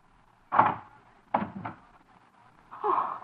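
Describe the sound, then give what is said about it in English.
A door is handled: a muffled thud, then a quick pair of knocking clicks like a latch or lock turning, followed by a low scraping creak as it swings open. “Darling, please unlock this door.”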